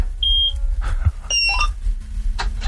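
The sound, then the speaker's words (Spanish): A combine harvester's ignition is switched on by turning its key, like a car's: a string of high electronic beeps and warning chimes at varying pitches sounds over a steady low mechanical rumble. “Estoy por pedirte que gires la llave, a ver si se escucha por la radio.”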